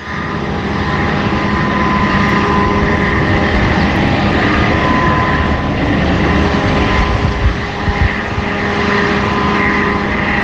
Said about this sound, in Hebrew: זה נשמע כמו רחפן, זה נשמע כמו רעש. כמה זמן זה יכול להימשך? כזה. תשמע, זה כל היום, 24 שעות ביממה. לפעמים יש הפוגות. עכשיו, הרעש מגיע ל-65 דציבל.